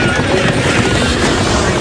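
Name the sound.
airplane taking off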